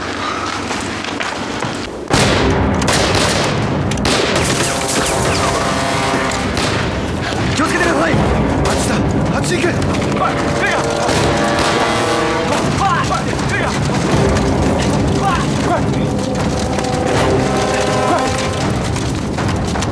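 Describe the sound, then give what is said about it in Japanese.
Loud, dense battle noise of rapid gunfire and booming explosions, rolling on continuously after a sudden start, with voices shouting amid the chaos, as troops exchange fire with Japanese soldiers attacking toward a hillside. “主任那边跟鬼子已经交上火了，他们正向山坡方向进攻。”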